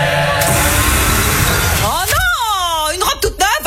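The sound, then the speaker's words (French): A battery-powered leaf blower roars with a steady, loud airy whoosh for about two seconds, then cuts off. A wavering, voice-like tone follows, broken by a few sharp clicks. “Pour les 100 ans de style, on s'est dit qu'on pourrait souffler nos bougies avec un souffleur à batterie.”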